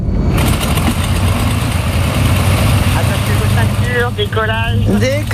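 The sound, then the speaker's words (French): A loud, steady airplane engine roars throughout with a deep droning hum as the plane takes off, and a voice starts talking over it near the end. “L'avion. Allez, on y va pour l'avion.”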